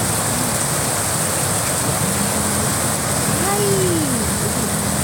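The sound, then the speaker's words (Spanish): A heavy rain downpour at Parque Villa Colombia roars as a dense, steady hiss at constant loudness for the whole clip, with a faint voice-like sliding tone briefly rising and falling underneath. “Está lloviendo durísimo.”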